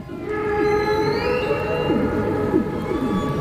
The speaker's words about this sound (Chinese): 雄性座头鲸头朝下倒立着唱歌，其中原因我们不得而知。鲸的歌声复杂多变，构成它们多样的行为模式的一部分，其中有音乐的元素，也有语言的成分，但彼此间传递的真正含义，人类还不能完全理解。